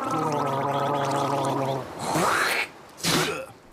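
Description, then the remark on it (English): Throaty, bubbling gargling with salt water holds a steady wavering pitch for nearly two seconds, then gives way to two loud, splashy bursts of hissing noise separated by a brief pause. “Quick, everyone, gargle with salt water.”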